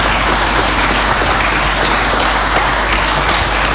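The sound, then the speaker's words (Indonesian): An audience, asked by the speaker to clap, breaks into steady, dense applause, many hands clapping together in a loud, continuous wash of sound that holds evenly for a few seconds with no voices rising above it. “Nah, ini boleh tepuk tangan dong, tepuk tangan.”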